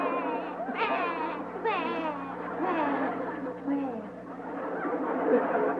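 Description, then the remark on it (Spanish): A voice imitates El Chavo del 8 crying because he could not sell a lottery ticket, wailing in wavering, rising sobs with short bursts over several seconds, fairly loud, with no other sounds around it. “usted lo que quiere saber, porque está llorando el chavo.”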